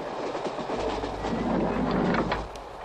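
A train carriage rattles along the rails with a steady, dense rumble, a low hum underneath and faint rhythmic clicks and clatters running through it. No one speaks.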